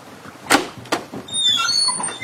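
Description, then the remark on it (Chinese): A doctor opens a door: two sharp latch clicks in quick succession, then a thin, wavering hinge creak that drags on for about a second. No voices are heard. “贝斯纳医生仍然很生气，他开门时板着个脸。”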